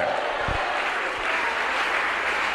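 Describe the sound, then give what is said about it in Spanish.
An audience claps steadily for the name of Christ, a dense, even wash of applause that stays loud and constant throughout, with no voices standing out above it. “Dele un fuerte aplauso al Cristo de la gloria, a su nombre.”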